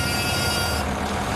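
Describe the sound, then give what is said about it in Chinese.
The horn of a 13.5-ton excavator blares in one steady, sustained blast that cuts off abruptly, leaving the low rumble of a diesel engine running underneath. The operator sounds it after the excavator's tracks climb onto the second step. “张师傅鸣笛”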